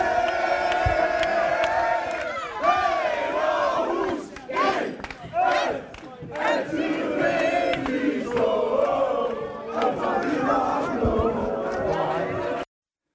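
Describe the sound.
AGF football fans in Aarhus chant and cheer as the players' bus arrives after the team won the Danish championship, a loud, continuous crowd roar, voices rising and falling in rhythmic singing with occasional shouts, steady for about twelve seconds before cutting off abruptly.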